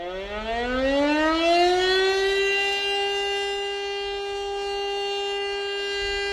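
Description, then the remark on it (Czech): A fire alarm siren, sounded to call out firefighters, winds up from a low groan to a high, sustained wail and holds that steady tone. It is loud and continuous, with no voices. “Volání hasičů byl vyhlášen požární poplach.”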